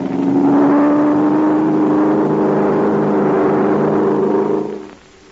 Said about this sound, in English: The plane's playing in a circle. It's getting ready to dive. Now watch me for a signal and give it everything you've got. That plane must be brought down.